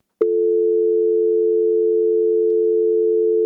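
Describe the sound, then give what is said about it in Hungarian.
A steady, continuous telephone dial tone after a dropped call to a Mária Rádió phone-in starts abruptly with a faint click and holds at an unchanging pitch and loudness, with no voices or other sounds. “Ez sajnos megszakadt.”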